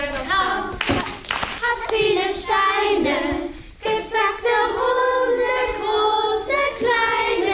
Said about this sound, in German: Die Kinder sind mit Begeisterung dabei, singen, klatschen und machen die Bewegungen mit.